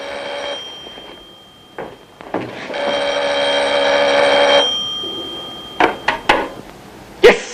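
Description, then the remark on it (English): A telephone bell rings in long, loud bursts with strong harmonic tones, followed by a few short clicks and clatters as the receiver is handled. “Shall I say you're not here? I'll answer it.”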